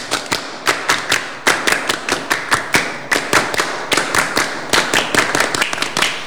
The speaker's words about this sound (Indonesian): Oke, dua kali tepuk pramuka.